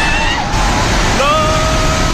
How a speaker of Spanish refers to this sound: Este es el sonido en el momento en el que la tromba de agua anegaba la zona entre Nepal, la India y China. Cientos de personas intentaban huir del agua al verse sorprendidos por la riada.